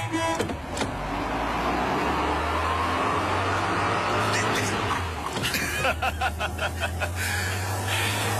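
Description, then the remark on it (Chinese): A car engine hums low and steady, then revs up as the vehicle, driven by the section chief on the way to Yangpingli weather station, pulls away and keeps driving, with brief rustles and faint voices near the end. “上车吧，我来开。”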